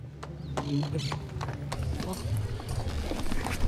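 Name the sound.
horse hooves clip-clopping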